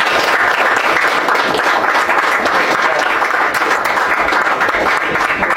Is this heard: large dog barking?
no